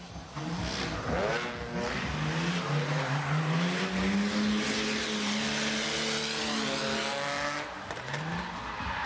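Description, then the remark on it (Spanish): A car drifts during a drifting exhibition at an event, with a long, loud tire squeal over a roaring, revving engine, sustained for several seconds before easing off near the end. No one speaks. “Los asistentes pudieron disfrutar de distintas iniciativas, entre ellas exhibiciones de derrapes, por ejemplo.”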